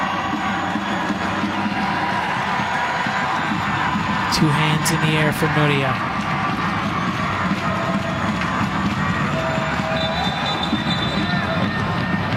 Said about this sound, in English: Sixth corner of the match. Crowd trying to will the Royals on this corner.